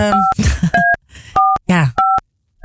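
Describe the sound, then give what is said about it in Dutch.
About five short, evenly spaced telephone keypad tones, each a steady two-pitched beep, sound as a number is dialed to call the speakers' employer, with bursts of voices and laughter between them. “Oké, dus wij gaan onze eigen werkgever bellen.”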